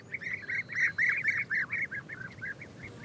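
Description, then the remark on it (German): A lively series of rolling, liquid calls of European bee-eaters, pigeon-sized birds, repeats in quick succession, several birds overlapping in a steady chorus, clear with no talking. “wo es viele Blüten und somit auch Bienen gibt, sind die prächtigen Bienenfresser nicht weit. Anfang Mai kehren die taubengroßen Vögel aus dem Süden zurück.”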